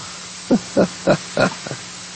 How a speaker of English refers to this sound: What was that? What was that noise? One of the dogs just farted.